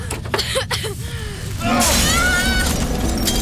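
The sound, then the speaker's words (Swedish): Strained, muffled vocal sounds for a few seconds beneath a steady low rumble, then a sudden loud crash as a window in a burning house is smashed with a chair, ringing on with bright, scattering shards of glass. “Jag får inte upp fönstret!”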